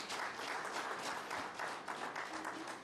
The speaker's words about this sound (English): Please clap hands for Director Shipumba.